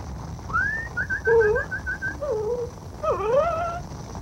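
A dog whimpers in a string of high, thin whines: a rising cry, a quick run of short yelps, then sliding, falling whimpers over a low background rumble.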